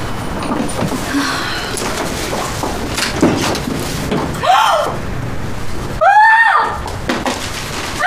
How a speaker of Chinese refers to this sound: 刚才一开门的时候， 看看有没有卡片什么的。